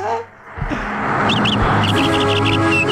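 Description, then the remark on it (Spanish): Small birds chirp in quick, high repeated bursts over a busy, noisy background with low rumbling and some voice-like sound, the calls clustering in the second half. “Yo escucho pájaros.”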